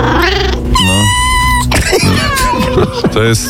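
A cat lets out a few drawn-out, tonal meows and throaty growling sounds, loud, filling the short stretch with varied, whiny vocalizations.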